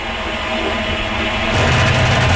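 A loud, steady mechanical rumble from a new clothes dryer, a broad droning noise that swells and grows deeper and heavier about halfway through, with no voices.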